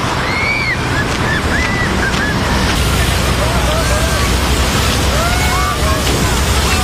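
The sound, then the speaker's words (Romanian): In Hungary, during extreme heat, authorities' water cannons spray water to cool people: a loud, steady rush of spraying water hisses continuously throughout, with scattered shouts and excited voices of people rising faintly above the spray. “Între timp, în Ungaria, autoritățile folosesc tunuri cu apă pentru a-i răcori pe oameni.”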